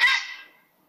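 A single harsh, croaking grey heron call, loud, rasping for about half a second before fading out into silence.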